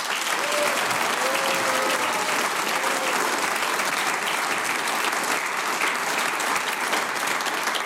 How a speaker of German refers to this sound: Ich bedanke mich mit einem großen Applaus bei der wunderbaren ….